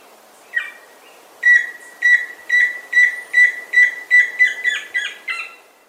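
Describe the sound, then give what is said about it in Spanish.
Tororo and chusquero bird song from the Colombian Bird Sound Bank, compiled by the Instituto von Humboldt and Cornell University: a brief note, then a steady series of about ten loud, whistled calls with harmonic overtones, evenly paced and speeding slightly toward the end, with no talking. “El trino del tororo y chusquero forma parte del Banco de Sonidos de Aves Colombianas, recopilado por el Instituto von Humboldt y la Universidad de Cornell.”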